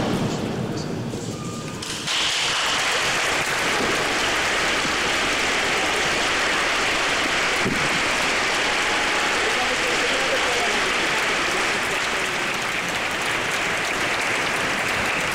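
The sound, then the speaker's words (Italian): Sustained applause from a large crowd inside the cathedral of Rimini, greeting the words and blessing of Pope Leo XIV; a dense steady wash of clapping that swells in after a brief quieter opening, reverberates through the big interior and continues loud to the end. “L'applauso delle persone all'interno della cattedrale di Rimini accoglie le parole di Papa Leone XIV e la sua benedizione.”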